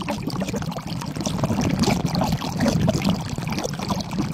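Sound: water pouring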